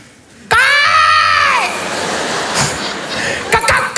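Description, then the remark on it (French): A man lets out a loud, shrill, strained, improvised scream with an arching pitch, imitating an angry cockatoo and meant to sound frightening, lasting about a second before fading into noisy chatter and a few sharp sounds. “Une sorte de cacatoès énervé, tu vois, une sorte de pélican caïra un peu.”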